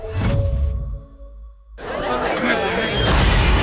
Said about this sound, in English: Seems a rogue space capsule just crashed this party, Jax. And put a real dampener on things, Sarge.